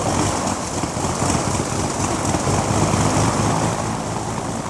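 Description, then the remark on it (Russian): The old engine of a small Fleet propeller plane starts after its propeller is hand-swung, then roars loud and steady with a rough, throbbing rumble and a hissing wash of air, running continuously with no voices. “Пружинка стартера щелкнула, в цилиндре проскочила искра, и старый мотор тут же завелся.”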